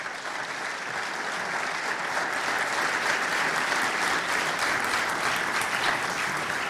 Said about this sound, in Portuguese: E eu agora começava por chamar aqui ao palco o Bernardo Soares, que nos vai acompanhar ao piano durante grande parte das atuações. Bernardo, aqui está ele, uma salva de palmas.